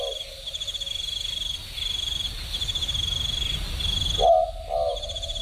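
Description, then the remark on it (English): A boobook owl in Bongle Bongle National Park on the Mid-North Coast gives a mid-pitched two-note hoot near the end, over a constant high chirring of crickets and a low background rumble. “Bit of a boobook owl.”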